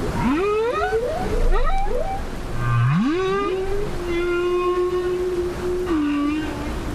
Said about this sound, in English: There is perhaps nothing as haunting and frankly beautiful as humpback whale calls, and scientists have tried to decode the meaning of these calls ever since they were first heard.